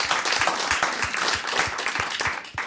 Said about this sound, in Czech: Zatleskáme